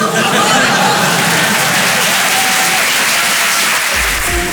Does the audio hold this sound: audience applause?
yes